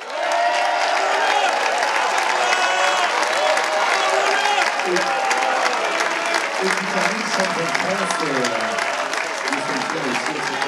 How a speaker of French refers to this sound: Et un grand merci, bien sûr, à la classe mini et aux 90 skippers de cette édition 2023. Vous pouvez vous applaudir et on peut les applaudir.